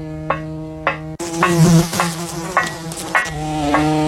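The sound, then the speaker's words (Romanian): A fly buzzes with a steady, droning hum that swells louder after a second and keeps going, broken by a few soft ticking pulses, with no voices. “Uite o muscozelă.”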